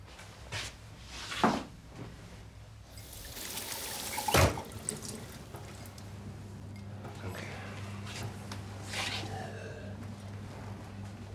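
cupboard opening

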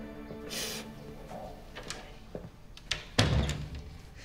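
door being closed

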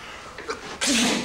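sneeze

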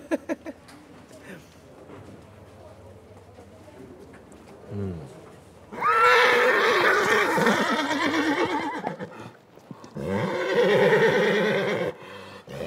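horses neighing and hooves

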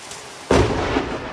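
lightning strike thunder crack

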